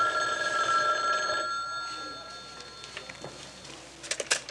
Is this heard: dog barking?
no